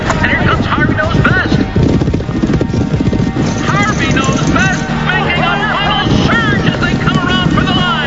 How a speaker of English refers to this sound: The blue gates are open and the horses and riders are away.